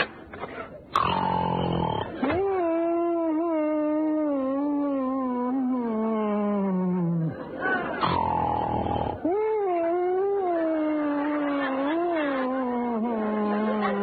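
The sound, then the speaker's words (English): A loud comic snore of a man sleeping past midnight, drawn out in long wavering, bleating tones like a goat, repeating in a few heavy cycles with short pauses between breaths. “Sounds like he left one of his goats here.”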